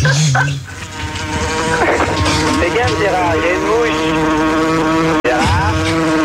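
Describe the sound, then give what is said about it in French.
A fly buzzes loudly, its droning pitch rising and falling steadily for several seconds, with a brief cutout near the end. “il y a une mouche.”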